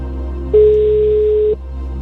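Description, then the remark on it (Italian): A single steady telephone ringing tone of a call placed to a quiz contestant sounds for about a second, a clean mid-pitched beep over a low background hum, then cuts off abruptly. “Primo squillo? Secondo.”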